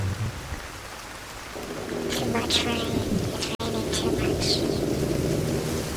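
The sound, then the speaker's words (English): Steady heavy rain pours down, a dense hiss that swells louder partway through, with sharp splashy drops standing out and a low rumble underneath; no clear talking over it. “Too much rain.”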